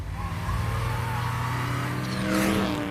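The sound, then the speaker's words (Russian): A Smart car's small engine hums steadily, then revs higher as the car pulls away and accelerates while driving around Rome, with a brief whine of rising pitch near the end. No one speaks. “Поездки по Риму на автомобиле ободряют, особенно на смарте.”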